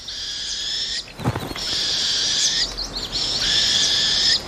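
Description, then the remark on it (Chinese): A northern hawk owl chick gives long, raspy, hissing begging screeches as the chicks scramble for food, which falls to the ground. Three drawn-out calls are broken by a brief rustling scuffle, with no talking. “这只猛枭雏鸟现在能吃下较大的食物了。雏鸟抢着要食物，结果食物掉到了地上。”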